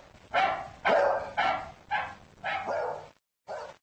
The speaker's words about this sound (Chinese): 这个简单的情景告诉我们，狗能分辨出其他的狗吠叫的不同之处。